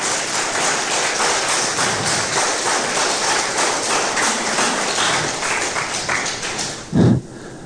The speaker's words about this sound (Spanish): Dale un fuerte aplauso al Rey de Reyes y Señor de Señores.